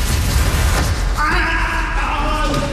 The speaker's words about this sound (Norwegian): Det skriket der var jo helt forferdelig.